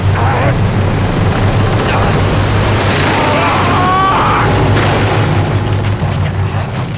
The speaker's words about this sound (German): Der Polizeikutter konnte nicht mehr wenden. Er zerschellte am felsigen Ufer von Blackwell's Island.